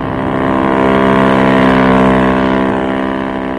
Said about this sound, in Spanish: Una lancha rápida tripulada por el capitán del Príncipe Carlos y varios oficiales fue echada al mar. Un potente reflector colocado en la cubierta del Príncipe Carlos iluminaba a la lancha rápida, siguiendo su avance hacia el Reina Victoria.